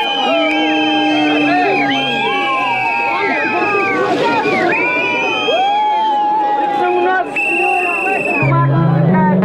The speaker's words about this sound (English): They arrived by boat, greeted by hundreds of islanders.